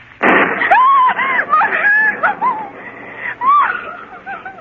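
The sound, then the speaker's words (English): A sudden, loud crack of thunder during a storm bursts out at the start, followed by a run of high, wavering cries and yelps rising and falling over a lingering rumble. “I might catch my death of cold in this storm.”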